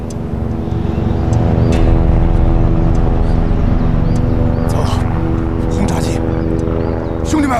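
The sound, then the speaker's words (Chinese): Loud, steady drone of low-flying Japanese propeller warplanes passing overhead, a thick rumbling engine roar that fills the whole stretch, with a few brief indistinct voices breaking through near the end. “只要飞机飞得低，机枪也可以干掉。”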